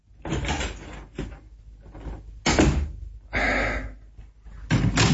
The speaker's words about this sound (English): Now, go into the lounge room there and shut the door after you.